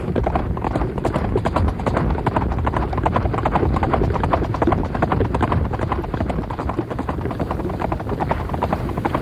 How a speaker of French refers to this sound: Il galope à tombeau ouvert le long d'une piste sinueuse.